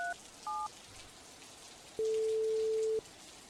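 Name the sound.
rain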